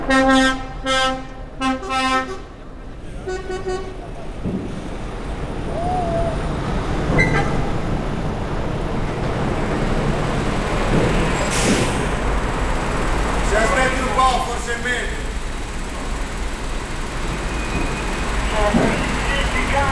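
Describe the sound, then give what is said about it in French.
A deep ship's horn sounds in several loud blasts at the start, then gives way to a steady, heavy rumble of engines and trucks in a busy ferry hold on the boat to Corsica, with a few faint voices. Recorded with a Nagra recorder. “5 ans plus tard, nous prenons le bateau pour la Corse avec un Nagra en bandoulière, direction Centauri.”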